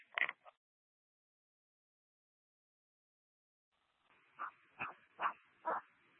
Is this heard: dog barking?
yes